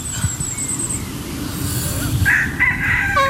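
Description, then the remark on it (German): A rooster crows loudly among hens during a yoga session with chickens, its rising, strained call standing out over a steady backdrop of low rumbling noise, with no talking. “Ja, der Hahn ist aber auch ein unbezahlter Statist, ne?”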